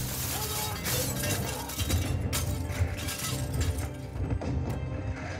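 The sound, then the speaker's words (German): A massive glass roof shatters as a dragon carrying Harry Potter, Ron and Hermione crashes through it in a Harry Potter film, a dense, continuous roar of breaking glass and falling debris over a heavy low rumble for several seconds, with no voices. “Und wenn man Harry Potter mit Ron und Hermine auf dem Drachen durch das Glasdach flüchten hört, dann war das Pete Burgess im Tonstudio.”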